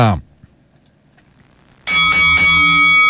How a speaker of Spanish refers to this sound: Momento de que suene la campana.